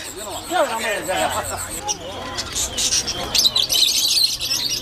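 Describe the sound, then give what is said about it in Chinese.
Small birds for sale at a village market chirp in quick, repeated high tweets, set against the busy babble of a crowded market with voices talking. “这还没走两步，就吵着闹着要买只小鸟带回家。”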